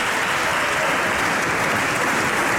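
Steady, dense applause from many people in the Portuguese parliament, a continuous crackling wash of clapping that holds at an even level throughout, with no voices standing out.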